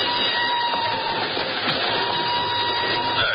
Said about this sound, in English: An hour later, she's aboard a northbound train rolling out of Lisbon.